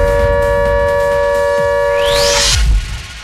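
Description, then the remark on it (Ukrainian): A loud, steady electronic air raid alert tone from the warning system holds for a couple of seconds over rumbling background noise, then a rising sweep climbs before the signal cuts off abruptly. “Так, друзі, дуже важливе нагадування від системи оповіщення, щоб ви зараз знаходилися у захищених місцях і подбали про безпеку свою та своїх близьких.”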